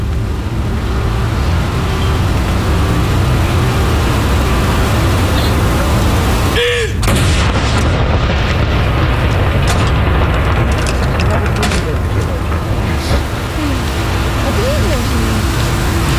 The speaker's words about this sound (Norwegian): Jeg ser også nede på kaja her, rett nedenfor Akershus festning, så står det folk og ser opp hit. Stille og rolig og få med seg saluttene derfra nede på kaja. Andre kanon!